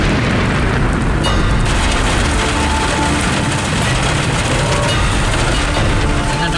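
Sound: thunder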